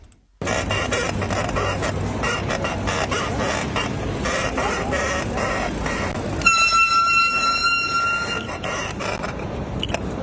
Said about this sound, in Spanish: Así suena alguna de las bicicletas eléctricas de Santander.